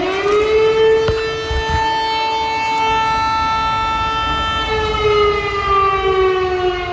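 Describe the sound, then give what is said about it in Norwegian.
A loud civil defense air raid siren in Lublin, eastern Poland, early in the morning, sounding as Russia carried out an air attack on Ukraine, wails steadily with a rich harmonic drone that slowly rises and falls in pitch, sustained throughout with no speech. “Kraftige sirene kunne høres I Lublin øst I Polen tidlig på morgenen I dag, samtidig som Russland gjennomførte luftangrepet mot nabolandet Ukraina.”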